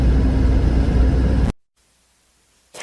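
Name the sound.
cars idling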